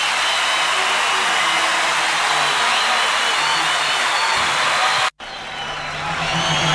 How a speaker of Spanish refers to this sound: ¡Fuerte ese aplauso!